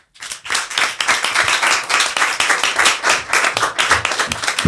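A crowd applauds loudly and steadily, dense overlapping hand claps filling the whole stretch without pause, with no voices standing out above it.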